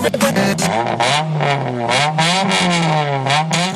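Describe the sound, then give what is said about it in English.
An old car engine revs loudly, its throaty pitch climbing and dropping in repeated surges over a few seconds, with a rough, rattly edge and no voices. “Find an old car, get it running, smash it to other cars.”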